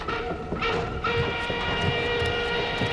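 A freight wagon for livestock, with rough, barely planed boards, rolls steadily along rails, a continuous rumble with metallic hum and faint clattering throughout, no voices.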